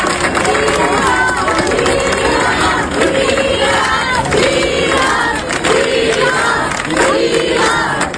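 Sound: crowd applauding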